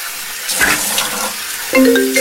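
Running tap water streams into a sink with irregular splashing as someone washes their face; a brief tonal squeak near the end, fairly loud, no voices.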